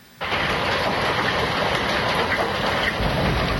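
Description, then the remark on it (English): A dense, steady roar of heavy sheets of rain and hail pounding down on a stormy night with thunder and lightning in Calgary, starting abruptly and staying loud throughout, with no voices. “It was a stormy night in Calgary with sheets of rain and hail, thunder and lightning.”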